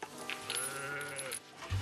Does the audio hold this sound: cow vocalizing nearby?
yes